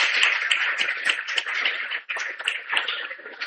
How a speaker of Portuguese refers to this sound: Então, que Deus abençoe Dom Carlos, receba a gratidão do nosso povo também com as nossas palmas.